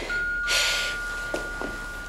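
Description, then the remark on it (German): A doorbell rings as one long, steady electronic buzz held for a couple of seconds, with a short hissy burst near the start and a few faint soft knocks behind it. No one speaks. “Es hat geklingelt.”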